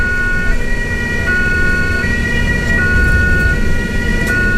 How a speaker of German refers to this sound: Das Geräusch hat sicher jeder von uns schon mal gehört. Die Sirene vor Ambulanz.